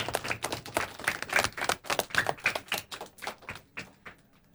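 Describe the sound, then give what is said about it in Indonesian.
A small group of children claps their hands in praise, a quick, uneven patter of sharp slaps that runs for a few seconds and then thins out and fades, with no one talking. “Hebat anak-anak, tepuk tangan anak-anak.”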